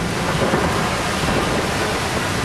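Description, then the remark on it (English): A steady, loud wash of heavy rain pours down without pause on the streets of La Paz in the rainy season, with a deep low rumble underneath that suggests thunder in the storm. “One half-hour downpour in late January overflowed worn-out sewage systems, choking traffic, and sending water shooting up from manholes.”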